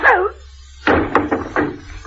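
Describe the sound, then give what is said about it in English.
A brief voice cry, then a sudden heavy blow lands as a man is hit, followed by a few quick scuffling knocks and thumps as if he stumbles. “What did you have to hit him for?”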